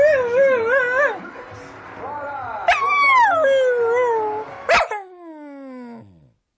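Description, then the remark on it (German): A dog whimpers and yips in a string of high, wavering whines, rising and falling, with a couple of sharp yelps before a final long, sliding whimper that fades out. Fairly loud. “Ach, kümmere dich doch mal um den Hund hier.”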